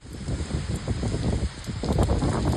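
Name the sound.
torrential rain pouring down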